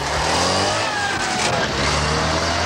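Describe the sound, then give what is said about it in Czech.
A Trabant car drives past, its buzzy, rasping engine loud throughout, the pitch sliding as it goes by over roughly three seconds. “Martin Mixovský odpovídá rozzuřený vysavač, neboli pryskyřičník prskavý, nebo taky pádivý.”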